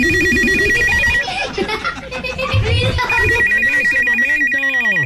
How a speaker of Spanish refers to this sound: Hasta el teléfono estaba bien jodido. Mejor efecto no me pudiste poner.